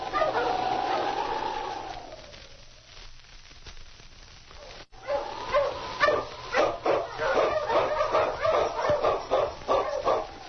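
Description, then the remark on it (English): Sergeant Preston's wonder dog, Yukon King, lets out a long rising and falling whine, then after a short pause breaks into a steady run of loud, rapid barks, slightly muffled like an old recording. “Back to the days of the gold rush, with Sergeant Preston and his wonder dog, Yukon King, battling through storm and snow as they meet the challenge of the Yukon.”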